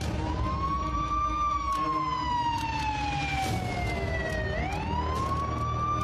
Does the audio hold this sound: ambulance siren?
yes